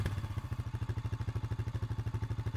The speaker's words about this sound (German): Das klingt wie Papas Motorrad.